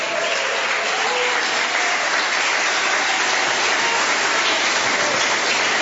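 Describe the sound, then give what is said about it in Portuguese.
A large church audience applauds steadily for the whole stretch to glorify God, a dense, continuous wash of clapping hands that stays loud and even without pausing, with no distinct voices standing out. “Podeis assentar, assentando palmas que glorifica a Deus.”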